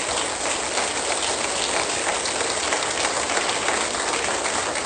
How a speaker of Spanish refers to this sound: Suelte bien ese aplauso, muy bien.